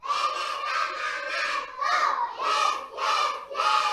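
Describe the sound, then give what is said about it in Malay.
Young children of TK Aisyah 1 Baulan, a private kindergarten on Jalan Gajah Mada in Toli Toli, Indonesia, shout an enthusiastic morning cheer together, loud, in several sustained bursts with brief pauses between them. “Ya, itu adalah semangat pagi mereka”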